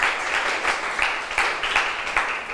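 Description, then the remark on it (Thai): A group of students in a lesson claps steadily for a classmate for a couple of seconds, a dense patter of many hands with no voices, the applause fairly loud and even throughout. “เก่งมากๆเลยปรบมือให้เพื่อนหน่อยค่ะ”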